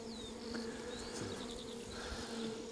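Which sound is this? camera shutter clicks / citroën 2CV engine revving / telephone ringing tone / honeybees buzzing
honeybees buzzing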